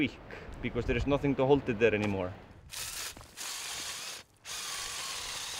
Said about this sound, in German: Aaron bohrt neue Löcher, um für die Gruppen, die weiter hinauf wollen, Halteseile zu befestigen.